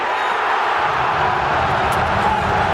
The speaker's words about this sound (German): Was aber immer bleibt, ist der Jubel.